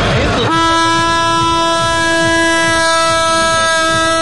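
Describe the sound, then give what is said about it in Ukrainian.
A shofar, an ancient ram's horn, is blown for a holiday where pilgrims come to Rabbi Nachman: one long, steady, mid-pitched horn tone with a bright, buzzy edge, starting abruptly and holding unbroken for about four seconds over a low, uneven rumble. “Головний акустичний символ свята – шофар, стародавній баранячий ріг.”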